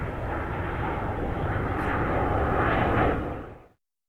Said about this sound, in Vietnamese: F-105D còn được mệnh danh là thần sấm của không quân Mỹ, chính là dựa vào tiếng gầm rít khủng khiếp của nó.